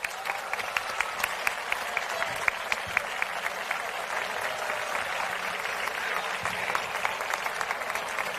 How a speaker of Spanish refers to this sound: Y ahora sí, anunciamos la mujer que desde hoy será la máxima representante de la Feria del Carmen y de la Sal 2026. Recibimos, por favor, con un fuerte aplauso y con todo nuestro cariño